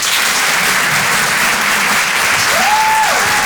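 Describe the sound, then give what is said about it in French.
A live comedy club audience at the Rire et Chanson Comedy Club applauds steadily throughout, a dense, even wash of clapping at a constant loudness, with a short sliding whistle-like tone rising and falling near the end. No one speaks. “Faites du bruit s'il vous plaît pour Bruno Pecky.”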